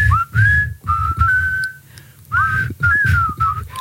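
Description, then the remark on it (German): Two radio morning-show hosts whistle a short tune together, without rehearsal, on a Tuesday morning, the melodic lines sliding and overlapping in phrases, fairly loud over a soft low rumble. “Und gleich pfeifen wir im Tag zur.”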